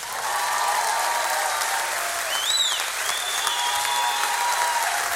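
A crowd gives a warm, sustained round of applause, dense and steady throughout, with a few brief whistles rising over the clapping.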